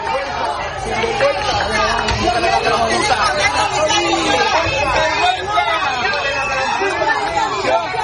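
A crowd of people in Ceuta shouting in protest at the arrival of Spain's Health Minister, Mónica García, many voices overlapping into a dense, loud, continuous roar of raised calls that holds steady for the whole stretch without a pause.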